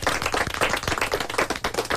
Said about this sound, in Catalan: Un altre aplaudiment, molt bé.